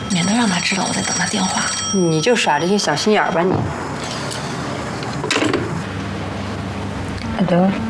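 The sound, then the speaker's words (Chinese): A telephone rings insistently while two women talk over it in quick, urgent voices, arguing over which of them should answer it, the bell's bright repeated tone running beneath their conversation. “快接啊，姐，你来接吧，我不知道要跟他说什么。我接算什么呀？”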